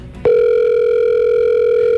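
A phone call's ringing tone cuts in abruptly after a brief pause and holds as one loud, steady electronic beep through the rest of the moment, the call going unanswered, with no voices.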